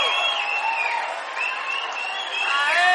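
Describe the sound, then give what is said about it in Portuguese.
A crowd applauds and cheers steadily for a few seconds for a composer, a dense wash of clapping with whoops and shouts rising above it, loud throughout. “Por favor, senhoras e senhores, uma salva de palmas para o nosso compositor”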